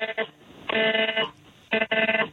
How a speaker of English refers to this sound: There's another alert coming through on all our phones.